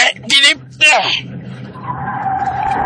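Two sharp, loud, screeching squeals of motorcycle tires skidding, followed by a steady engine drone and road noise that carries on to the end.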